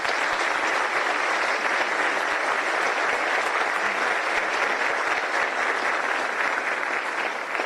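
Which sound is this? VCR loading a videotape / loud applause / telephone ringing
loud applause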